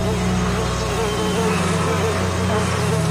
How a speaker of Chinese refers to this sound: 养蜂人戴着防护纱帽，小心翼翼地查看蜂群的状态，为它们清理蜂箱，确保蜜蜂有一个舒适的家。